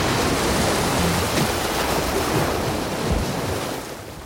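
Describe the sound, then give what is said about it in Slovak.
A loud, thunderous roar like a huge wave crashing, a dense rushing wash of water noise that fills the whole moment and eases off slightly toward the end, with no voices. “V tej chvíli niečo zaburácalo a Ernestovi sa zdalo, ako keby ho prevalila obrovská vlna”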